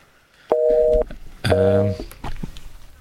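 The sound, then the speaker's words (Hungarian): Two short electronic tones sound in succession as a telephone call is hung up, the first a steady two-pitch beep, the second a louder, richer buzzy tone, followed by faint murmuring. “Most letettem le.”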